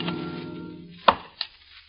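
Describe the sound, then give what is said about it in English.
Two sharp chopping strikes, like an axe biting into wood as when building log cabins in the wilderness: a loud one followed by a softer one, heard over a fading low sustained tone with no talking. “Of log cabins built in the wilderness.”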